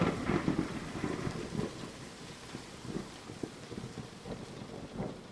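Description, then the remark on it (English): Heavy rain pours in a dense, steady hiss while low thunder rumbles and rolls underneath, swelling loudest at the start and rising again in later bursts, with no voices. “It was the wind blowing harder than they had ever known. Then, the rain came.”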